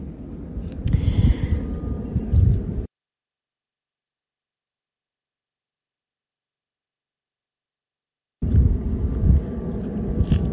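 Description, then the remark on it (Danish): A low, steady engine roar of an airplane passing overhead, with a broad rumbling drone. It cuts out to silence for several seconds, then the same loud rumble returns. “Der er simpelthen et fly, der flyver over mig lige nu.”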